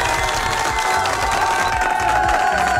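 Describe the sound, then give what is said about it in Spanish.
A crowd applauds and cheers steadily, a dense wash of clapping with bright whooping voices running through it, loud and sustained for the whole few seconds. The applause is for the listeners who voted in the Radio Disney Bolivia song ranking. “Un fuerte aplauso para ustedes, por favor.”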